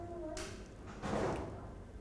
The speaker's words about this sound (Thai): เห็นไหมคะใช้มือรองผู้กันไว้แล้วเคาะสลัดสีออกไป